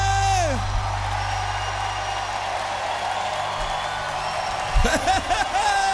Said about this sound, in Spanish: Vamos, ovación al rey que lo merece.